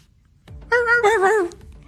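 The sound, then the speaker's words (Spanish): A dog lets out a single wavering, high-pitched whimper of fear as it runs away, lasting under a second, fairly loud, with no voices around it. “El perro salió corriendo llorando del miedo.”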